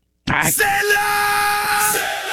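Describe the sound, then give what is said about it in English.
A man lets out a loud, sustained tribal scream, a single drawn-out chanting yell that starts abruptly and holds steady for about two seconds, alone. “And I think it's such a tribal scream that it could be any ethnicity.”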